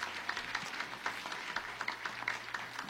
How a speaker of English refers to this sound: Also, could our panelists please stand up as well. Let's give a big round of applause to each and every one of our panelists here tonight.